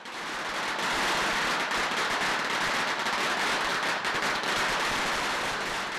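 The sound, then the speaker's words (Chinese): A long string of firecrackers bursts nonstop in rapid, dense crackling pops, loud, holding steady for the whole stretch with no voices, at eight in the morning in Dongmen Village, marking the start of the annual Ying Laoye deity procession. “上午八点，东门村鞭炮声大作，一年一度的迎老爷正式开始。”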